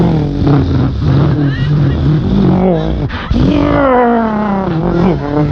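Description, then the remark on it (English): Loud, continuous NASCAR race-car engine roars with whining pitch that swoops up and down as cars zoom past one after another going around in a circle, likely a voice imitating the engines. “But I'm just suggesting, on the radio, are you sure car racing on the radio? Is there really a market for listening to 3 hours of”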